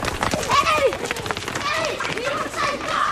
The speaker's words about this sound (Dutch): Ik ga 10 kilometer per uur rennen en dan gaan jullie kijken of jullie me bij kunnen.